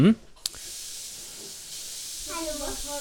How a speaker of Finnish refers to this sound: Jaha, nyt sä spolat kranasta vettä.